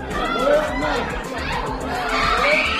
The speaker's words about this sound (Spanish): Son los gritos de la familia de un niño de 3 años al que Israel ha matado en su último ataque contra la franja. Han muerto este niño y un adulto.